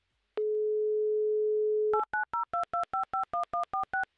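A steady, low telephone dial tone hums for about a second and a half, then gives way to a quick, even run of about ten touch-tone keypad beeps as a number is dialed.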